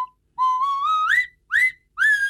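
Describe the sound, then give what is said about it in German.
A nose whistle from Schonach, a combined bottle opener and musical instrument, plays three short phrases, its breathy, piping tone sliding upward in pitch and then swooping up again, with no talking. “Natürlich mit der Nasenpfeife aus Schonach.”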